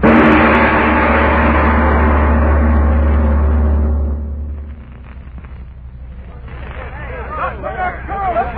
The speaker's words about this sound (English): Look at them guys trying to start that truck.